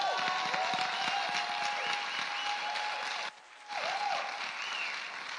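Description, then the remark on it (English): A crowd applauds steadily with dense, rapid clapping and a thin whistle-like tone above it. The clapping drops off briefly near the end, then surges back just as loud. “Keep clapping because she went back and got a master's degree too.”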